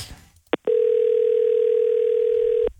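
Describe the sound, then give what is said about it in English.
A short click, then a loud, steady telephone tone holds at one pitch for about two seconds before cutting off abruptly, the line tone of an outgoing call placed from a private number at 6:55 in the morning. “Ready to smash dial? It's a big test as well because it's going to come up as a private number.”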